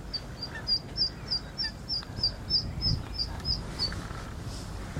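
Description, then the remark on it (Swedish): Ducks and geese with downy chicks calling, heard as a steady run of thin, high-pitched peeps repeating about twice a second over a low, rumbling outdoor background. “Vart vi ser så är det änder och gäss med dunungar.”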